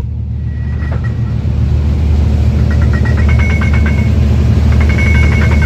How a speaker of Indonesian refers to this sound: Dari pagi hingga malam, aktivitas tak pernah terhenti. Suara deru mesin kapal, gerakan alat berat, dan arus kendaraan menjadi irama harian yang menggambarkan betapa vitalnya peran Pelindo Banten.